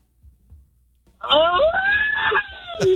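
After a quiet second, a person celebrating a birthday lets out a loud, drawn-out shout over the phone with a thin tone, its pitch rising and falling, followed by a short second burst of voice at the end.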